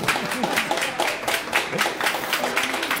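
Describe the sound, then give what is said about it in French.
A festival audience at Bédéfil, the comics festival in Lausanne, applauds steadily, dense overlapping claps forming a continuous crackle, with a few voices and brief cheers rising through the clapping. “Et c'est un monde à découvrir en ce moment à Bédéfil, le festival lausannois au cœur duquel nous nous trouvons aujourd'hui à deux pas d'autrices, d'auteurs en dédicace et face au public venu nous écouter. Bonjour à vous, foule en délire.”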